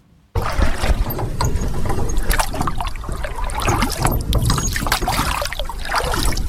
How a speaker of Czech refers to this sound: Právě plujeme na pramičce, kterou jsme převozili přes řeku tuny materiálu na lávku, kterou tady vidíte na skále. A teď si ji prohlídneme, poplujeme pěkně kolem.